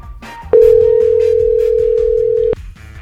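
A single steady ringback tone of an outgoing phone call dialed to a woman celebrating her jubilee, one long, loud, even beep lasting about two seconds, with quieter background sound underneath before and after it.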